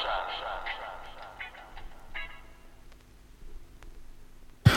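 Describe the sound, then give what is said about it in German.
Radio static hiss, with garbled fragments of broadcast voices drifting through at first, then settling into a low, steady hiss with faint clicks before a sharp crackle at the end. “Rauschen.”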